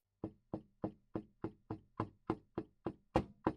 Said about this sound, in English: A knock. 3. On the steel door, with a knuckle that has knocked on a good deal of steel.